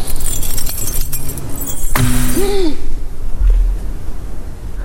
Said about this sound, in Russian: Бросила ключи. Хочет показать, что не хозяйка здесь.